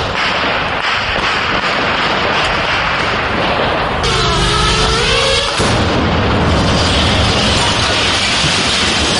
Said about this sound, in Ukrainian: Просто на наших очах російський FPV-дрон атакує і без того опалену багатоповерхівку.